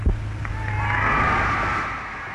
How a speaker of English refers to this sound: Huge, huge cheer for the Queen there in Newcastle in 1954.